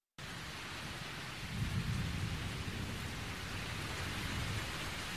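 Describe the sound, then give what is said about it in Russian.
Steady heavy rain hisses throughout, joined by a deep, rolling rumble of thunder that swells after the first second and lingers low beneath the downpour. “Вдруг вторично комнату осветила яркая вспышка молнии, и в ту же минуту прогремел гром, который на этот раз обратил на себя внимание Николая.”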